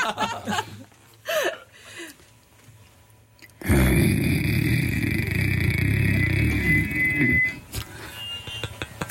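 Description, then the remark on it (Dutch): A person mimics a growling dog with a loud, rough, sustained rumble lasting about four seconds, preceded by soft chuckling and quiet vocal sounds. “Hij gromt toch een beetje.”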